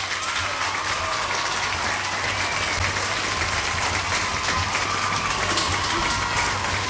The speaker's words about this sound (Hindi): और आपने सही जवाब दिया इसलिए आप लोगों के लिए बजेंगी तालियां।